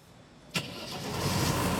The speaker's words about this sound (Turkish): İşte böyle. Hayata döndü. Bu aldığım en güzel haber. Bu sabah o motor sesini duymayı beklemiyordum.